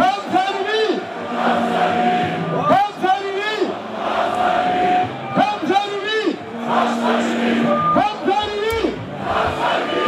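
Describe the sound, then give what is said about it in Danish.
A large crowd of AGF football fans chants and cheers loudly in Bugsgaden, a street in Aarhus, celebrating AGF's victory, with a DJ on a balcony; many voices shout and sing together in rising, rhythmic bursts that repeat for the whole clip. “Ja, Bugsgaden i Aarhus var fyldt til bristepunktet, da det stod klart, at AGF altså løb med sejren fra en altan, der havde en DJ klædt i guldjakke.”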